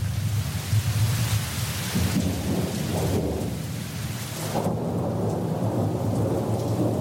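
rain and thunder

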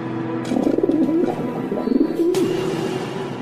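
dove cooing

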